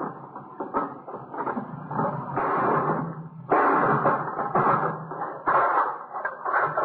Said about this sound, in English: Let me give you that hammer. Yeah. You gonna break the lock? Yeah.